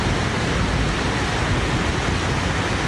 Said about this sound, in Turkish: Bir anda bastıran sağanak şaşırttı. Kayganlaşan yol kazaları beraberinde getirdi. İstanbul'da sabaha karşı başlayan yağış kısa sürede etkili oldu. Sağanak pek çok ilçede caddeleri doldurdu.